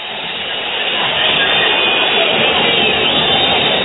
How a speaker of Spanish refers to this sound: Terminó el partido con un frío que silba en la noche, porque la calentura del hincha de Independiente se transforma en el frío de la noche y el frío se transforma en silbido de reprobación para Independiente